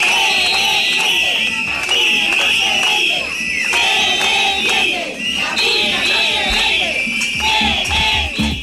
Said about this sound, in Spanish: Además, esta mañana el presidente del gobierno aragonés, Jorge Azcón, ha asistido a un acto económico en la capital oscense. Allí ha sido recibido con pitadas por colectivos en defensa de la escuela pública.